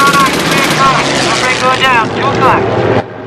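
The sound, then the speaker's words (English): A loud, steady roar of propeller aircraft engines as a German plane heads straight for the Memphis Belle, with voices shouting over the drone before it cuts off abruptly near the end. “A German plane is heading straight for the Memphis Belle.”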